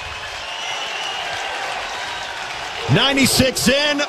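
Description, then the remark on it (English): A capacity stadium crowd at a baseball game roars and applauds in a steady, loud wash of cheering after Chet Buck's solo home run to right field for the Huskers, with a man's voice starting to talk over the noise near the end. “And that will pump some life into this capacity crowd.”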